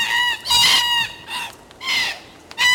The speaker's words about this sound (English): I love the sound of red-tailed black cockatoos screeching from the trees.